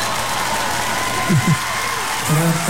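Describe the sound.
A crowd applauds steadily for a few seconds, a dense wash of clapping with brief voices calling out or cheering over it.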